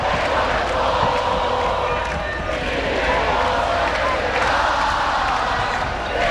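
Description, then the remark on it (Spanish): A large crowd of Deportivo fans sings the club's songs and chants together in the street at Cuatro Caminos as the team bus arrives, a loud, dense wall of many voices that carries on steadily without a break. “Impresionante el coro de gente, cómo está cantando.”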